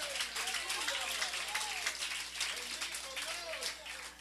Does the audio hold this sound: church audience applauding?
yes